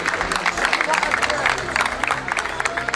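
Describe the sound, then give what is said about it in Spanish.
A crowd in Ceuta claps loudly and steadily for a few seconds, with raised voices and booing mixed into the dense, continuous applause: Spaniards booing the minister and immigrants applauding him. “Pues todo esto sucedió en el día de ayer, abucheos de los españoles que sienten, dice el ministro, una inseguridad subjetiva y aplausos de los inmigrantes que entraron hace ya 41 días.”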